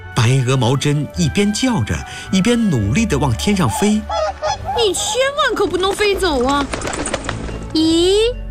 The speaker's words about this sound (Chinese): 白鹅毛针一边叫着，一边努力地往天上飞。